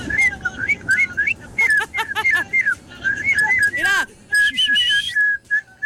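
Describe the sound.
A person whistles with pursed lips, a bright warbling melody of quick rising and falling notes that runs nearly continuously, with a short spoken exclamation breaking in briefly.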